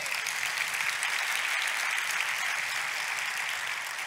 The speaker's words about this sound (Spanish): Dar otro aplauso a Jehová.